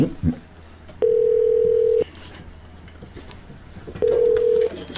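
A telephone line tone sounds in two steady, flat bursts, about a second long and then shorter, separated by a pause, over faint background noise with no talking. A phone call is being placed for a live on-air connection.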